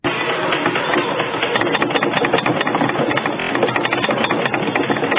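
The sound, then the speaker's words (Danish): The rumble of an earthquake in northern Norway on a Wednesday evening, a loud, steady, muffled roar with a rattling, grinding texture that runs unbroken for about five seconds, with no voices. “Altså, man kan nok ikke helt høre, hvad det her er, men det er faktisk lyden af et jordskælv i Nord-Norge onsdag aften.”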